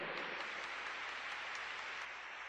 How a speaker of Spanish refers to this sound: Dale ese aplauso bien fuerte al Señor.